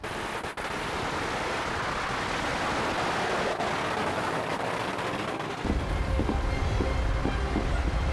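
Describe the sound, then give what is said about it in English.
A dense, steady barrage of firecrackers set off from boats as the season starts at 12 exactly crackles continuously, a loud hiss of rapid overlapping pops with occasional sharper bangs. A deeper rumble and faint tonal hum join in near the end. “And right now, as you can hear, firecrackers are going on in the background.”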